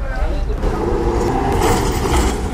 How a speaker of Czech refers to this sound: A teď už se tramvaj za nádherných industriálních zvuků dává do pohybu.